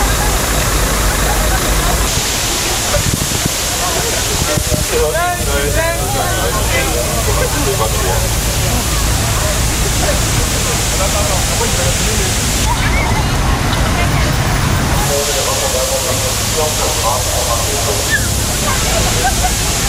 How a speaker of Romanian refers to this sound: În unele orașe, autoritățile au trimis cisterne care au pulverizat apă pentru a-i răcori pe pietoni. Iar la Berlin a făcut asta chiar poliția, cu tunurile de apă folosite de obicei la proteste.